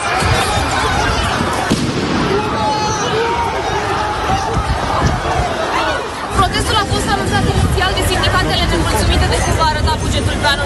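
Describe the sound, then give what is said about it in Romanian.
A loud, dense street protest crowd of two large transport unions on national strike fills the scene with continuous hubbub, many voices blending into a roar, with scattered sharp knocks and bangs cutting through the noise. “În stradă au ieșit două mari sindicate din transport care au intrat în grevă națională.”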